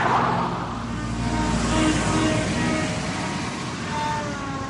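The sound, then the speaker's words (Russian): A taxi's engine rumbles steadily, moderately loud, with a broad wash of road noise as the car jerks into motion, pulls away and keeps driving. No one speaks. “Машина рывком тронулась с места.”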